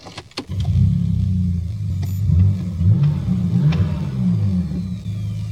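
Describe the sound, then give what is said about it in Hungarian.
A 22-year-old car engine, with over 340,000 km on the odometer, cranks with a few sharp clicks, then catches and settles into a loud, rumbling idle with uneven revs rising and falling. “Indítsuk el? Milyen hangot?”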